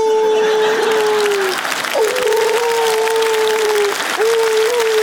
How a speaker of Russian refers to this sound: Просто весь день собака зовет на помощь. Я ни разу не видел эту собаку. Она просто ходит по двухкомнатным казематам и... Пес Монте-Кристо. Просто бедный пес-зэк.